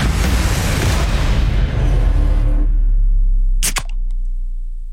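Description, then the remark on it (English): A soft drink can is cracked open: a loud rushing fizz for a couple of seconds, then a sharp metallic snap and a smaller click, with no one speaking. “Can number two”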